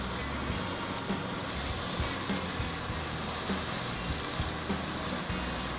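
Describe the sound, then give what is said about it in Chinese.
Steady, dense sizzling of food pan-frying in a hot pan, a continuous crackling hiss with small pops scattered throughout, even in loudness, with no talking. “好了，煎完了以后，也现在已经转成小火了。”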